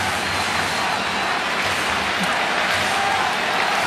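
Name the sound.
baseball stadium crowd cheering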